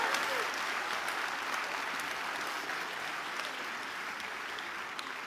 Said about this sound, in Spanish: Ah, sí, va a aplaudir, aplauda, venga.